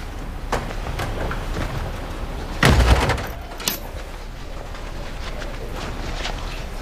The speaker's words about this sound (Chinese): 关门，换鞋。